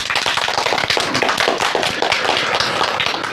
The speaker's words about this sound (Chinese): 同学们，让我们掌声有请今天的第二位思政辅导员胡小春老师，欢迎。